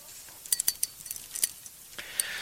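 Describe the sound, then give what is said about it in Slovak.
A bunch of keys jingles in quick, irregular bursts, bright metallic clinks and chimes scattered over a couple of seconds, fairly clear with no talking. “Kto sa teší, keď štrngám kľúčami?”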